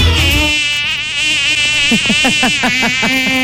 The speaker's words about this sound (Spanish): Sí, era una mosca. Era una mosca.